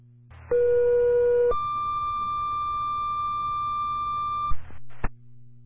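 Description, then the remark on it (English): Fire department dispatch alert tones, an additional tone calling drivers and manpower to the firehouse for a second-alarm structure fire in Warren: a loud, steady lower tone for about a second, then a longer higher tone for about three seconds, over radio hiss, ending with a brief click. “I need an additional tone for drivers and manpower.”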